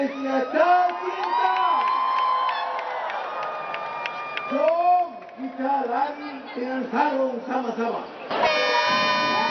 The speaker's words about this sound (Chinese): 马来西亚总理安瓦尔19号下午和马来西亚旅游艺术及文化部长张庆信、通信与数码部长法米一起，为2026马来西亚沙龙音乐跑鸣笛启动。